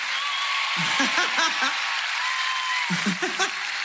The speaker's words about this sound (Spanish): ¡Los aplausos! ¡Fuerte el aplauso para qué personaje, che! ¿Lo conocen o no?